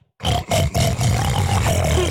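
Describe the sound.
A man imitates a pig with a loud, rough, sustained grunting snort, gravelly and low, broken by a couple of brief catches before continuing steadily for about two seconds.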